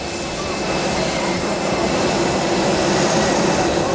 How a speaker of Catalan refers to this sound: És l'avió Falcon del rei Felip VI, cedit al papa Lleó XIV després d'una avaria